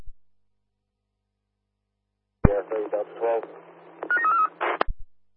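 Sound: telephone keypad dialing tones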